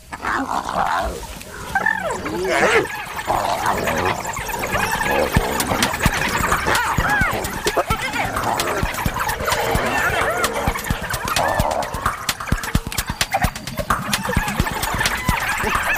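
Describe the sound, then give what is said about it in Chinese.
Spotted hyenas snarl, squeal and yelp in a frantic scuffle, fighting among themselves after a low-ranking hyena arrives, four now present, with harsh cries rising and falling over a steady scrape and rustle, loud throughout and broken by sharp clicks and thuds. “刚刚来的那只斑鬣狗地位比较低，斑鬣狗自己打起来了。”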